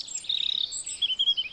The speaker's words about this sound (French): Il y a des espèces qui sont plus généralistes que d'autres, ubiquistes que d'autres, et qui vont pouvoir s'adapter plus facilement aux modifications des habitats. Le rouge-gorge, on va l'entendre partout.